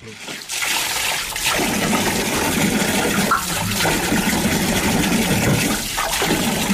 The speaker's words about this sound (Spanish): El orgullo de Brahim, una lavadora.